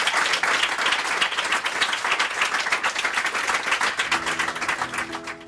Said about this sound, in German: Ja, wir lassen hier immer den Applaus noch ein bisschen stehen, um die Atmosphäre zu greifen.